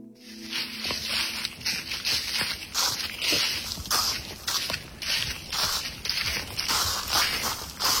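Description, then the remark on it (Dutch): Footsteps of a person walking through a thick layer of dry leaves in an otherwise dead-silent forest in Garderen: crunching, rustling, a steady walking rhythm of crackling, brittle steps with no voices, the leafy crunch filling the whole stretch. “loopt door een dik parket droge bladeren in een verder doodstil bos in Garderen.”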